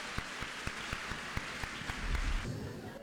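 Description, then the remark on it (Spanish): An audience applauds, a dense wash of clapping with sharp, evenly spaced claps cutting through in a steady beat, fairly quiet, with a low rumble swelling near the end. “Un aplauso para la mujer que es así.”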